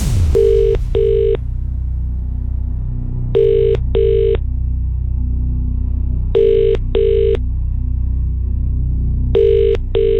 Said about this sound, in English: Hello. My goodness, thank goodness you've picked up this phone.